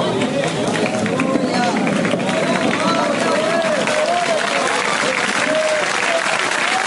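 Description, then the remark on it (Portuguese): A large crowd at a worship service applauds steadily throughout, a dense, continuous wash of clapping, with a voice faintly audible beneath it. “Cadê o povo das palmas?”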